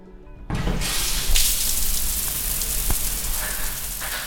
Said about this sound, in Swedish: När jag slår upp dörrarna till Askims simhall i Göteborg så luktar det bekant av klor.